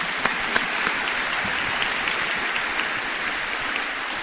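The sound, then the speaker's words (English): A crowd at a Kentucky public education event applauds state leaders, city and county officials and the Kentucky Department of Education steadily, a dense wash of many hands clapping at once with a few sharper claps standing out near the start, sustained and fairly loud throughout. “To our state leaders, city and county officials, and the Kentucky Department of Education, let's give them a big round of applause if you're here today.”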